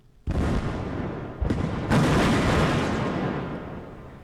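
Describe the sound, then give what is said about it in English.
A loud explosion bursts out in the River Danube in Romania, set off to divert water to a nuclear power plant, followed by a second blast and a third heavier boom, each leaving a long rumbling roar that slowly fades. No voices are heard. “That there was the sound of an explosion in the River Danube in Romania in an attempt to divert water to a nuclear power plant to keep it warm.”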